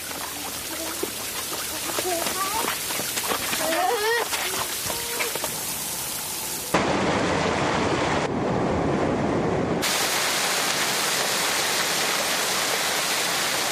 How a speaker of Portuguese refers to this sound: Esse é o som que a água faz quando ligamos o chuveiro. É um barulho diferente.